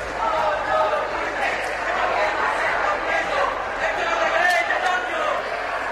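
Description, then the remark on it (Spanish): Three activists shout and chant from the visitors' gallery of the Congress over a steady, loud wash of applause from the right-wing parties and crowd noise that fills the whole stretch without pause. “Un fragmento de aquella energía que había sido silenciosa entra en la cámara, rompe los aplausos de los partidos de derecha. Tres activistas chillan desde la tribuna de invitados.”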